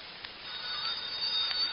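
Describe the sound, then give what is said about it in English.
A telephone rings faintly, its muffled, steady trilling tones repeating against a low background hiss, with no one speaking. “He ain't answering the phone either.”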